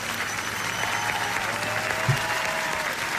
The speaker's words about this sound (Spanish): Aplauso, señor.